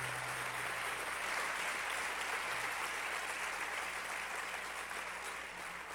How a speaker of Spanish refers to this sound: ¿Sigo o paro? Dale un aplauso a Dios que tiene poder.